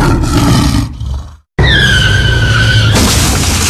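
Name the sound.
car skidding and crashing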